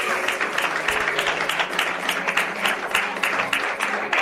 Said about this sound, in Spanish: Alguien le da aplausos a papá Dios.